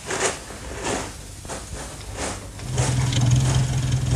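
A car engine idles with a low, steady rumble that swells and holds through the second half as a departing woman is seen into the car, following a few soft scuffs and knocks.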